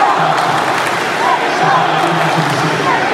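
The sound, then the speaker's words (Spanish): A dense crowd of Mexico football fans in Dallas roars and shouts continuously during the World Cup, a steady wall of overlapping voices with occasional higher cries rising above the din, loud throughout without pause. “Los gritos son por su país.”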